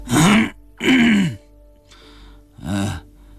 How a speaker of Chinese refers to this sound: 一直在椅子上流口水的老孙头啊了一声，又咳嗽了一下。